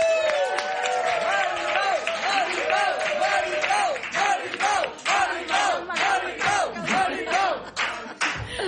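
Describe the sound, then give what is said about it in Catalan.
A studio audience welcoming the guest Maripau Huguet claps steadily while many voices whoop and cheer over the top, the crowd noise loud and sustained for the whole stretch, with rising, swooping shouts throughout. “Rebem amb un fort aplaudiment a Maripau Huguet.”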